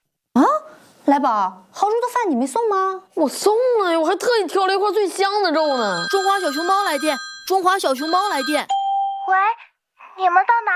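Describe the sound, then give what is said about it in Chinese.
A phone ringtone for an incoming call from Porcupine, with steady electronic chiming tones sounding for a few seconds over an animated, high-pitched voice announcing the call. “豪猪来电，豪猪来电。”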